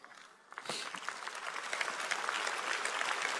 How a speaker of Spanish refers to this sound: Vamos, si le vas a dar un aplauso a él, dáselo fuerte.